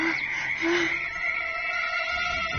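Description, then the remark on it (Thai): A steady chorus of frogs croaking fills the background, with a couple of short, lower-pitched calls near the start and a continuous droning texture throughout, no voices. “เฮ้ยนั่นเสียงกบร้องนี่นะรอตายแล้วเราข้างหน้าน่าจะต้องเป็นบึงน้ำแน่ๆเลยน้ำอยู่ไหนอ่ะเดินตามเสียงกบไปดีกว่า”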